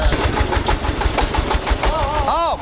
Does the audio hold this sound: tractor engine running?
yes